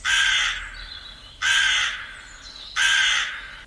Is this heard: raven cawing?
yes